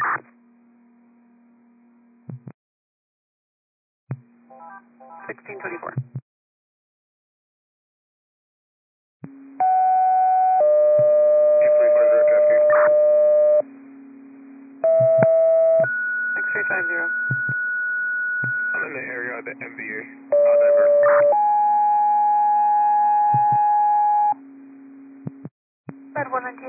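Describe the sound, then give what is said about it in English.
Radio dispatch alert tones: after a low electronic hum and a few short chirps, a loud series of steady beeps at changing pitches sounds, each held a second or two. “Disregard these tones.”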